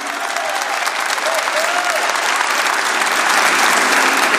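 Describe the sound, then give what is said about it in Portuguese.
A crowd applauds Canção Nova, a religious work, after being urged to clap louder: a dense wash of clapping that holds strong and even throughout, growing slightly louder toward the end, with a faint voice briefly audible underneath. “Vamos aplaudir a Canção Nova, essa obra de Deus. Mais forte, mais forte.”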